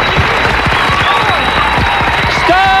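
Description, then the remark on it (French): Loud, sustained applause from an audience welcoming a guest arriving on the show: dense, continuous clapping with scattered whoops and faint voices mixed in, steady throughout. “Donc là, je vais dire, on va t'applaudir, bravo.”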